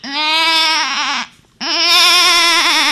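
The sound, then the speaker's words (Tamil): A child's voice, a school student performing mimicry, imitates a goat, giving two long, loud, quavering bleats separated by a brief pause, with no other talking. “அங்க பாடுறா ஆடு சத்தம்.”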